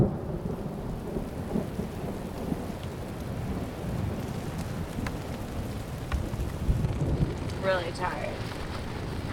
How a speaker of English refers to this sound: This rainstorm with lightning and thunder can. Oh, no! Your tents got flattened.